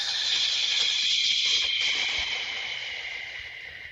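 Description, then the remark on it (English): A long, deep exhale of breath during a guided breathing exercise, a steady airy hiss lasting about four seconds and tapering off gradually at the end, with no talking. “Let's take the biggest deep breath that we've taken. Holding that in. And then exhale.”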